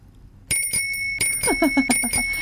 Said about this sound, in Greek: Εδώ καμπάνες. Καμπάνες παντού. Παντού καμπάνες.